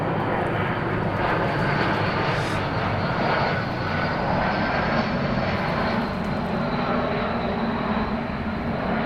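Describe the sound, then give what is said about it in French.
An airplane passes overhead, its broad engine roar filling the air steadily and loudly for the whole stretch, with no voices over it. “On va se passer l'avion.”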